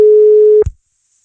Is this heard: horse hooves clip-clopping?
no